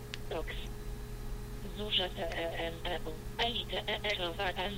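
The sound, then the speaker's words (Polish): A screen reader's synthetic voice rapidly spells out the letters of a line or word of text, one after another, in short clipped bursts. It is clear, over a steady low electronic hum. “wówczas wciskamy komendę TOX strzałka do góry, przytrzymujemy tąże strzałkę do góry po TOX-ie i ta linia bądź to słowo jest literowane i tutaj właśnie ustawiamy tempo tego literowania i brzmi to mniej więcej tak.”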